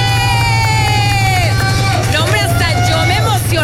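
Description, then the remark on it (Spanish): Loud, steady audience applause with crowd noise welcoming Mon Gómez on the programme Amigos sin Derechos fills the whole clip, joined by sliding whistle-like tones and a constant low hum underneath. “Un fuerte aplauso para recibir a Mon Gómez.”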